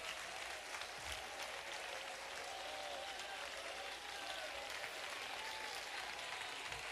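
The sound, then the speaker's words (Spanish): An audience at a Spanish-language church service applauds loudly and steadily at the preacher's call to clap. A dense wash of clapping fills the whole clip without pause, with faint voices and cheers rising now and then beneath it. “Vamos, si usted lo cree conmigo, aplauda fuerte.”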